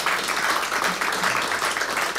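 An audience applauds steadily for the band's drummer at Studio Hendrix, a dense wash of many hands clapping at once with no pauses, sustained and fairly loud throughout.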